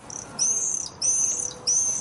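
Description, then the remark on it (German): Common swifts screaming: three shrill, high-pitched screeches, each drawn out and slightly falling, sounding at regular intervals with no talking. “Das sind Mauersegler. Ist sowas wie der ultimative Sommersound in Städten und Dörfern.”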